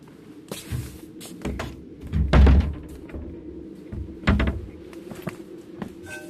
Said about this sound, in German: Die Tür stand offen. Ich habe mir erlaubt, sie zu schließen bei dieser Kälte.